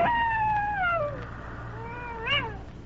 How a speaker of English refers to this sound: Nothing broke the deep silence except his heavy breathing, and in the distance, the mournful cry of a wolf.